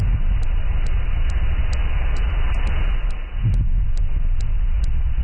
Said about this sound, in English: heard clips of different machinery in the water.